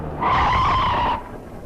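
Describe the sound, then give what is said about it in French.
A car's tires screech in one loud, sustained skid lasting about a second as it crashes into a motorcycle, a shrill steady squeal over low road rumble, then cutting off abruptly. No voices are heard. “Dis attention au motard, il a pas l'air très fixé sur sa direction.”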